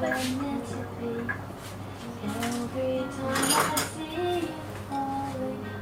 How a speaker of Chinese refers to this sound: 来，看一下你切菜。 哎，我切菜很厉害的，好吗？ 是吗？ 就这么切？